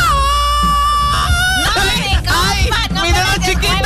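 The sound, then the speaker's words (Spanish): A person screams loudly, a high, strained shriek that holds steady, then breaks into wavering, overlapping wails for the full four seconds without letting up. “Cállate el grito bueno.”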